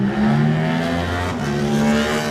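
Eddie Wormald's racing motorcycle engine revs hard and steadily as he gets away in a road race, a loud, buzzing roar with strong harmonic tones that shift pitch slightly as it holds the throttle, with no one talking.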